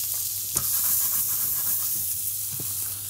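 Steady sizzling and hissing of ribs being briefly seared in a pan, with a constant low hum underneath and a couple of brief scraping clinks from stirring.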